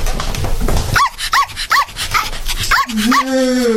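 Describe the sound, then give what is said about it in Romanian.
A small female dog yips and barks in a quick series of five or six high, sharp calls, then lets out a drawn-out whimpering whine at the end, fairly loud. “Adu cățelușa încoace.”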